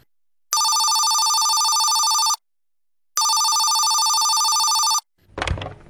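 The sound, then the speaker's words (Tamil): A telephone rings twice, each ring a steady, bright electronic tone lasting about two seconds with a pause between, loud. A brief muffled clunk follows, like the receiver being picked up. “Phone போட்டா போட்டா.”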